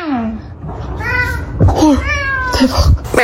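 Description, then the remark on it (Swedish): A cat meows several times in quick succession, rising and falling cries, with a faint human voice or background murmur underneath; a cat in an Instagram clip coming straight away when called with the phrase meaning 'come here'. “Och där kommer katten direkt.”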